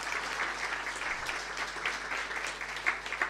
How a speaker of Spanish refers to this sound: Así que quiero un aplauso para todos nuestros funcionarios y funcionarias.